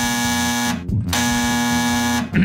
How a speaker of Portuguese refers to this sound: É o telefone que tá tocando.